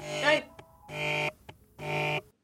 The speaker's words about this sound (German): Telefon!